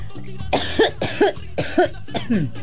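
A person coughs four times in a steady sequence, each cough a harsh burst with a short voiced rasp trailing off, spaced roughly half a second apart with no talking.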